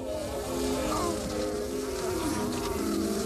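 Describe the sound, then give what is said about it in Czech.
A steady buzzing of bees hovering around begonia flowers in a flowerpot, a continuous droning hum that wavers slightly in pitch throughout, with no voices present. “Místo počítače květináč s begoněmi a ty roztomilé včelky na květech.”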